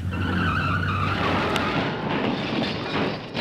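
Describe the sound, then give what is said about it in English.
Car tires screech and skid loudly for a few seconds as a driver picking up a mobile phone while driving crashes, a harsh sustained squeal over engine rumble, ending in a jolt of impact noise and fading road noise. “The risk of being involved in a collision is 4 times higher for drivers when using a mobile phone.”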